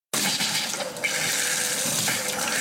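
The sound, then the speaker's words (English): Water rushes loudly and steadily from a pipe or tap, a broad hissing flow with slight sputtering surges, before the flow stops, running on its own without any voices. “Uh-oh, no water?”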